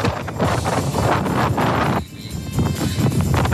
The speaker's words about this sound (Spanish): Este es el audio del video de Coyhaique, del viento.